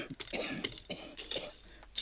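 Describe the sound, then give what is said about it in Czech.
A woman gives a series of short, raspy coughs in quick, irregular bursts while working in a garden, fairly quiet, with no talking in between. “Zatrápený kašel.”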